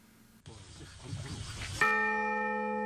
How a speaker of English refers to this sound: spoke at the installation ceremony and rang the bell together.